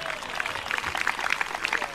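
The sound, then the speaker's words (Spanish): An audience applauds for God at night, a dense wash of overlapping hand claps that holds at an even, moderate level for the full two seconds without any voices standing out. “Dele fuerte ese aplauso si es para él esta noche.”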